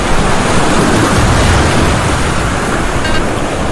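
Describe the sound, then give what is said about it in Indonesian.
Big ocean waves roar against the shore in a loud, continuous wash of surf that stays steady throughout, with no distinct separate crashes and no voices. “Ombak besar atau gelombang tinggi bisa datang tiba-tiba, menghantam pantai, merusak perahu, bahkan mengancam nyawa.”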